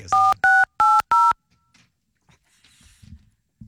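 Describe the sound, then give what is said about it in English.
Four loud, evenly spaced telephone keypad tones beep in quick succession as someone dials a call to a colleague in the sales department, each a short dual-pitched electronic note, followed by near silence with faint soft rustling and clicks. “Who are you calling? I'm going to call Colin and see if he'll pass the phone around the sales department”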